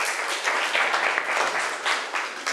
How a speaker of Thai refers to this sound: ขอบคุณกลุ่มที่3มากๆเลยปรบมือให้เพื่อนอีกหนึ่งครั้งค่ะ